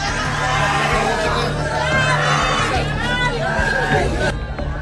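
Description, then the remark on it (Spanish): Family members and neighbours shouting and screaming in distress after a shooting attack on a home in Sullana, many overlapping voices rising and falling, with a steady low hum underneath throughout. “Gritos y desesperación de los familiares y vecinos que intentaban auxiliar a las familias dejó este brutal ataque, sembrando miedo y terror en Sullana.”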